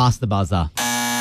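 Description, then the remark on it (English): A loud, harsh game show buzzer blares steadily for about half a second right after a burst of voices, ending a timed round of a letter-and-category word game, cutting in abruptly with a flat, rasping electronic tone. “It was past the buzzer.”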